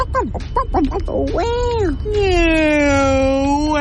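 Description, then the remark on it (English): A person imitates a turkey gobble: a rapid, warbling burst of throaty vocal notes, then rising-and-falling wavering cries and a long, loud drawn-out call. “What does the turkey say?”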